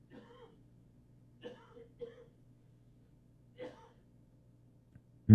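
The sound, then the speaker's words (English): A few soft, muffled coughs and throat-clearing noises come in short, separate bursts against a low steady hum, then one sharper, louder burst right at the end. “I just pushed the cough button because I'm going downhill.”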